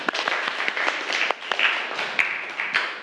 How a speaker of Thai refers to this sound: ก่อนอื่นปรบมือเพื่อนก่อนค่ะ